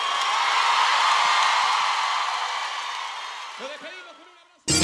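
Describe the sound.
A dense wash of audience applause holds steady for a few seconds, then thins and fades as a few voices call out, before a sudden loud burst cuts in at the end.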